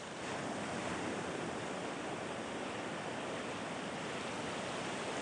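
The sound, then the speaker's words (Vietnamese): Steady, full-bodied rush of sea surf washing onto a beach at Côn Đảo, Vietnam, where rangers release baby sea turtles into the waves. Continuous and fairly loud throughout, with no distinct individual breakers and no voices. “Mỗi con rùa con chạm vào sóng biển lần đầu trong đời là một khoảnh khắc đầy cảm xúc mà những người kiểm lâm Côn Đảo không bao giờ quên.”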